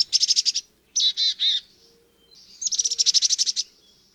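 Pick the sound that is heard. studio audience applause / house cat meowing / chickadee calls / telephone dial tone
chickadee calls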